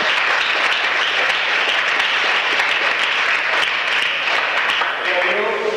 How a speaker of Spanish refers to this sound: Dele fuerte aplauso al Señor en esta hora.